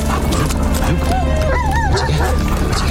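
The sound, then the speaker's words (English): A police unit evidence-detection dog named Fetcher gives a few high-pitched yips and whiny barks in quick succession, fairly loud over a steady, busy background. “The dogs in our unit have the ability to find evidence within minutes.”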